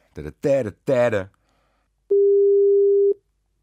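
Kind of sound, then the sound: signal or alarm, telephone call tone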